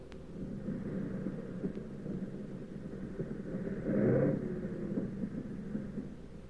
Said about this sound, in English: But well, we came in okay with one engine sputtering and a fuselage full of holes.